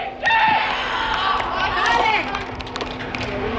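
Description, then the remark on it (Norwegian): Young voices of Nordreisa's G13 boys' football team shout and cheer together in an excited burst as a teammate scores a goal at training inside the Reisa Air Dome indoor football hall in Storslett; high-pitched yells overlap, rising and falling over a few seconds, with a steady low hum underneath. “En av guttene på Nordreisas G13-lag setter ballen i mål på trening til stor jubel fra lagkammeratene.”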